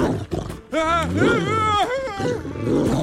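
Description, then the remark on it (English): A dog named Bosco growls loudly and menacingly at a man pointing a pistol, a rough snarl with a wavering, rising and falling pitch that rumbles on for a couple of seconds after a brief scuffling noise. “I really wouldn't point that at the dog.”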